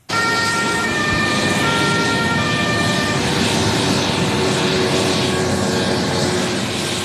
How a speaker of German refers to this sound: Ein Hubschrauber kreist in der Luft.